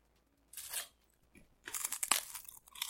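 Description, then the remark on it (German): Dry, brittle crunching of rice cakes being bitten and chewed, with a short burst followed by a longer run of crackly, irregular crunches; no talking. “Wow, diese Reiswaffeln schmecken wie Vogelkotze.”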